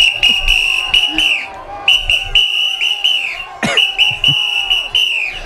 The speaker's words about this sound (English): Oh, someone wanted a whistle? I got a whistle.